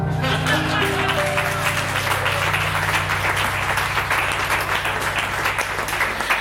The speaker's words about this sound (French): déjà on peut applaudir également.